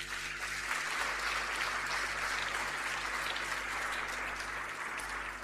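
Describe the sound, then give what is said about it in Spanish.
A crowd at an award ceremony claps steadily for several seconds for a prize winner in a contest's up-to-11-years category, a dense, continuous patter of many hands at even loudness with no voices rising above it. “Le damos un aplauso.”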